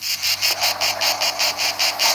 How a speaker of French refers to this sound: Ah, je viens d'entendre les premières cigales. Est-ce que ce sont celles-là?